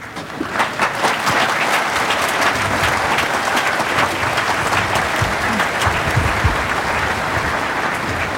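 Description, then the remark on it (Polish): Sustained applause from a large crowd of pilgrims of the Tarnów pilgrimage at Jasna Góra, dense and steady for several seconds, with many hands clapping at once and no clear rhythm, loud throughout. “Pięknie wam to wyszło, chociaż... A, już nie ma parasoli, bo jak są parasole, to wtedy nie ma klaskać.”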